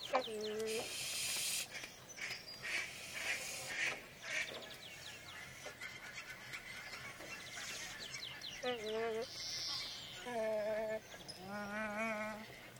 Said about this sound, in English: Behind me, from BBC Sound Effects Library 6, Nene, the Hawaiian goose.